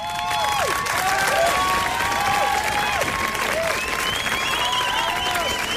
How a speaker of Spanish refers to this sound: Para siempre ya en nuestra historia. Toda la estación se pone en pie para aplaudirla.